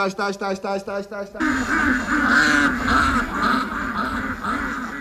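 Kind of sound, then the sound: bird, ducks quacking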